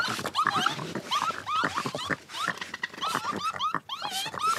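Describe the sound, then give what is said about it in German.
Young raccoons give warning calls, alarmed by a newly arrived animal: a rapid, unbroken string of shrill chirring squeals and whines, fairly loud, with no talking. “Jetzt gibt es erstmal Warngeräusche. Achtung, Gefahr.”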